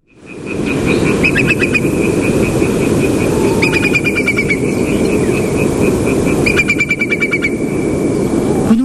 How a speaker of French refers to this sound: Oui, alors en fait c'est un courlis corlieux, mais c'est un cousin germain, mais c'est pas grave. C'est un oiseau qui est en train de passer au-dessus de chez moi en pleine nuit. En Bretagne. Au printemps, on est fin avril,